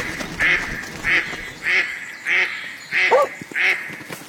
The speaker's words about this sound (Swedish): Kompe krockar med en and. Anden rusar upp på land.